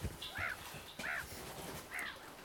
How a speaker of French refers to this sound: Regarde. Les mouettes se marrent. Elles ont raison.